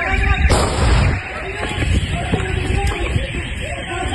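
A single loud, sharp gunshot, fired by an armed man at a residence, cracks out early on, its boom rumbling and fading over the next half second. Low, steady background noise and faint murmuring voices follow.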